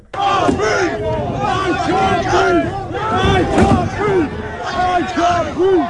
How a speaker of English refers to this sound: At the protest today, people threw bins and cans at police in riot gear, while others in the crowd chanted, "I can't breathe."